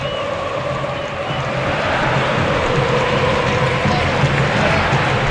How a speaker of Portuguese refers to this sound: Quase 45, tá terminando o jogo. Ouça a torcida aqui na arena.